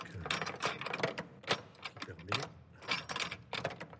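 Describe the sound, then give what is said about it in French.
A key works in the three-point lock of a cathedral's treasury door: a rapid, irregular series of sharp metallic clicks, scrapes and clunks, with keys jingling between the louder snaps of the mechanism. “Et voilà, la clé du trésor.”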